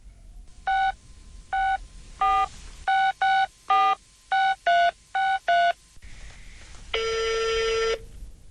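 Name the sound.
telephone dialing and ringing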